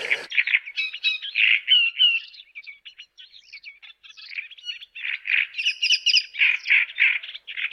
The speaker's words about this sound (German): Der lauteste ist der Drosselrohrsänger, den kennen Sie wahrscheinlich, den hatten wir ja schon mal, ne? Der so tatsächlich so DJ-mäßig da auftritt.